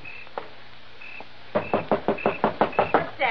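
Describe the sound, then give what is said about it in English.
Knocking at a door: after a quiet moment with a couple of faint clicks, a rapid, steady series of about eight or nine loud knocks with no voices. “Somebody at the front door.”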